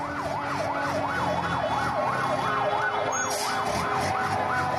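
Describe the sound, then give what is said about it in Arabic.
Wailing sirens from civil defense vehicles and ambulances arriving at the Al-Hijaz area near the Palace of Justice in Damascus, Syria, after an explosion, a fast rising-and-falling tone repeating steadily, loud, over a dense rumble of traffic and street noise. “لسيارات الدفاع المدني وسيارات الإسعاف تصل إلى منطقة الحجاز بالقرب من القصر العدلي في دمشق”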